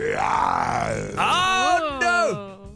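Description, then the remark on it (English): On a 5FM radio show contest for Simba, a person imitates a lion's roar with a throaty vocal growl that swells, then breaks into a strained, wavering wail before dropping in pitch and trailing off. It is loud and continuous for about two seconds. “Give me another roar, you Simba Chippy, you.”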